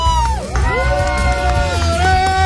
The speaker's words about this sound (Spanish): Bueno, pues tenemos el cierre oficial de nuestro evento y presencia aquí en el Papalote. ¡Fuerte aplauso!